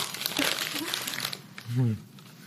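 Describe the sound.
Gift wrap crinkles and rustles steadily for over a second as a present, a Declaration of Independence shot glass, is opened, the crackling fading before a short voiced exclamation from a person rises briefly at the end.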